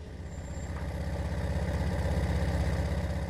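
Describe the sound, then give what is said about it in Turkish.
The engine of a 1970 Volkswagen Type 3, still running on its original parts, idles with a steady, throbbing low rumble that swells slightly after the first second. A faint high whine appears briefly near the start, and no one speaks. “Bu araba 1970 model bir Volkswagen Tip 3 ve hala kendi parçalarıyla çalışıyor.”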